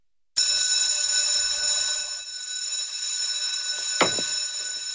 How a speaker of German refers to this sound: Wenn die Glocken im August also wieder durch die Nidwaldner Schulzimmer dröhnt, heisst es für die Schüler wieder Handy weg.